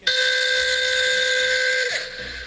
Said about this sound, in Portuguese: A buzina que eu coloquei no meu táxi novo.